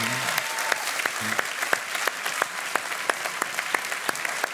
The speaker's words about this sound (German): Hey, ist dein Applaus!